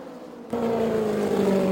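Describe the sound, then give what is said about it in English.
The engine of Janet Guthrie's green and white race car drones steadily after a sudden jump in loudness, its low buzzing tone slightly uneven and rough, with no talking over it. “The engine does sound a little sour, though.”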